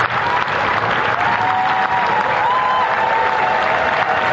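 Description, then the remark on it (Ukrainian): A crowd outside the Prime Minister's residence on Downing Street applauds as new British Prime Minister Burnham arrives. The clapping is a dense, continuous wash with a faint high whistle-like tone weaving through it, loud and sustained, with no voices standing out. “Після зустрічі з Чарльзом Третім Бернем вирушає на Даунінг-стріт під резиденцією прем'єр-міністра натовп людей.”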